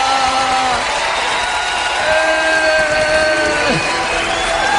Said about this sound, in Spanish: Aleluya, dale un aplauso al Dios que es bueno. Aleluya.